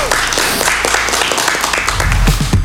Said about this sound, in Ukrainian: Так. Друзі, ще раз оплески.